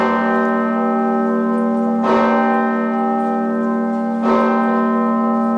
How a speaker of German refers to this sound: Die Osanna-Glocke der Martinskirche in Kassel. Mit ihr beginnt immer die Gedenkveranstaltung zum Todestag von Walter Lübcke.